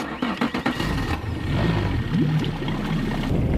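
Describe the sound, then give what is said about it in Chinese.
A small speedboat engine drones steadily on the water, loud, with some choppy bumps and splashes at the start before settling into a continuous rumble, as a fisherman takes it out to fish for northern pike. “对对对， 那咱这一小快艇，你连渔网也没拿，你怎么捕鱼啊？”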